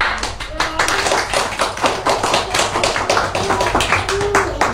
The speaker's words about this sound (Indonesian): Bagus sekali pembacaan puisinya, teman-teman. Kita beri tepuk tangan dulu dong.